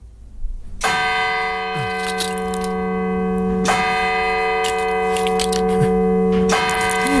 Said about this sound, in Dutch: Het geluid van je jeugd. Kerkklokken. En deze kerkklokken, waar stonden die? Die kerkklokken, nou, die staan natuurlijk op heel veel plekken. Maar waaronder ook in mijn dorp Volendam.